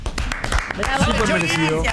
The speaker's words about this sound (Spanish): Aplaudimos entonces, fuerte el aplauso para el chori.